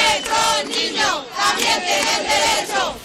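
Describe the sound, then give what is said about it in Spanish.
A large crowd of protesters gathered in front of the government delegation in Ceuta on a Sunday chants in unison, loud rhythmic bursts of many voices rising and falling in a steady repeating pattern, with no single speaker standing out. “Pues se concentraban frente a la delegación del gobierno este domingo al grito de...”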